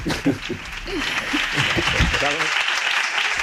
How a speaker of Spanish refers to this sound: Con este rotundo aplauso despedimos a nuestro compañero